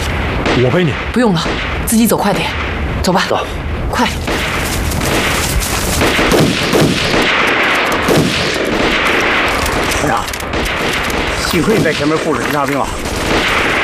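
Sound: gunfire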